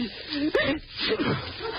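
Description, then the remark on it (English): A person sneezes once: a rising, drawn-in vocal breath breaks into a sharp, noisy burst, followed by some moaning, groaning vocal sounds. “Gesundheit.”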